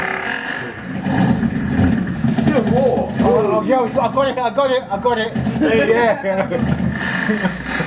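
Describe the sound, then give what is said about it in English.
A malfunctioning helicopter engine sputters and rumbles unevenly as someone tries to get it up and running, a steady low drone broken by wavering, warbling whines and uneven pulses, as if the machine is struggling to run. “That don't sound too good. The helicopter is not working properly.”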